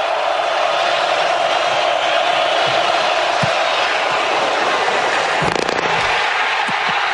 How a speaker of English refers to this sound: You can hear the doink there, and of course you hear the crowd in Iowa City. I don't know why I think that is a wonderful sound, except for if you're the if you're the kicker, like, oh no.